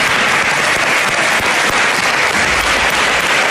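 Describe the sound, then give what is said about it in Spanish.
Sustained applause from the standing opposition members in the Asamblea de Madrid, applauding for Mari Carmen; dense and steady with many overlapping claps, loud and continuous throughout with no voices standing out. “Era el momento en el que la oposición se levantaba en la Asamblea para aplaudir por Mari Carmen y los diputados del Partido Popular se quedaban sentados.”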